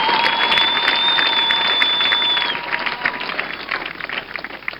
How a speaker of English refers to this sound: Is somebody clapping for the Lord? Enjoy it, I mean.